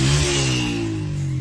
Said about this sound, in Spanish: Oye, ahí esta persona, moto. Va en moto, ¿cierto? Sube una loma y sigue derecho, hermano.